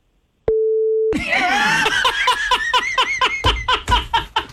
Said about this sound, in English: Now, here's the thing. I'm on the beep button, so if you want to say it, go ahead and say it.